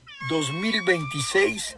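A cat meows in a long, drawn-out, wavering call, rising and falling in pitch for nearly two seconds, loud, with a faint steady tone humming in the background.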